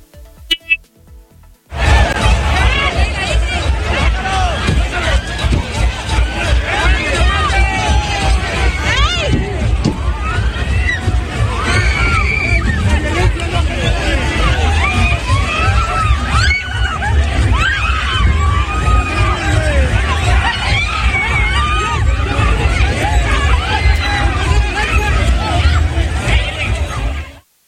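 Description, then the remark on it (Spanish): A loud, agitated crowd at a traffic accident scene shouts and yells over one another without pause, people crying out for the injured left at the spot, with screams rising through a dense babble of voices and traffic noise underneath. “Abrieron la puerta del vehículo, lo sacaron, lo golpearon y mientras pues otras personas gritaban por las personas lesionadas que se habían quedado ahí en el lugar.”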